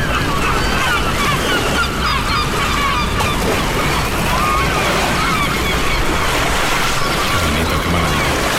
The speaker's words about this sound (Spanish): estamos en el puerto de Malpica, donde empieza la Costa de la Muerte, en Galicia, en Coruña, y un puerto es un refugio. Aquí dentro, detrás del espigón, el agua está tranquila, las gaviotas gritan tranquilas y al fondo se está levantando un temporal.